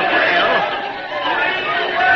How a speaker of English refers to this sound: Oh, listen to that crowd.